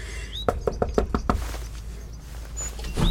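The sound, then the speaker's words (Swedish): A quick run of six firm knocks on a door, evenly spaced, followed by quiet with faint background hum and a chirp. “Nu knackar jag på.”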